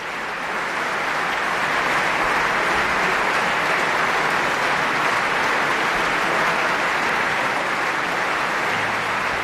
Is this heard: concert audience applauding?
yes